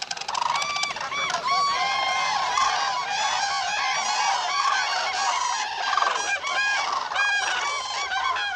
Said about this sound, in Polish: No i rzeczywiście te dźwięki są takie charakterystyczne. W ogóle na ten dźwięk to mówimy klangor. To jest rzeczywiście taki wyjątkowy dźwięk. No trudno pomylić z innym.